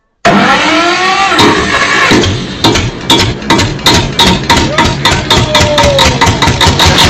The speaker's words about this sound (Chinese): 来，咱们把村长的拖拉机开出来。今天这个天特别好，带大家上车一起兜兜风。